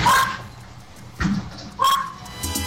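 A dog barks three times in quick, uneven bursts over a mobile phone, sounding slightly thin and compressed, with faint background hum between the barks.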